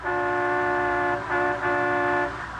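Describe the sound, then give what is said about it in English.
A sightseeing bus horn in Washington, D.C. honks loudly: one long sustained blast, then two shorter blasts in quick succession, with a low traffic rumble beneath. “As we pick him up now, he's on a sightseeing bus”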